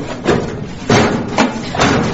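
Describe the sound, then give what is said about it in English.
A large hangar door grinds open with a steady mechanical rumble, broken by four heavy, uneven clanks over about two seconds. No voices. “Quickly, that's the hangar door.”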